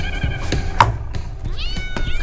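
A cat meows a couple of times, its voice rising and bending in pitch, with a few soft knocks and clicks in the background and no talking.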